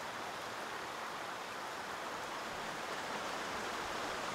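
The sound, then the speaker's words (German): A mountain stream beside the Caledonia Trail, a hiking path on the island near Omodos that follows the stream up the mountain to the Caledonia Waterfall, rushes along in a steady, unbroken hiss of flowing water, even in loudness throughout with no pauses and no voices. “Er wurde in den letzten Jahren neu ausgeschildert und gesichert und führt jetzt immer an einem Bach entlang den Berg hinauf.”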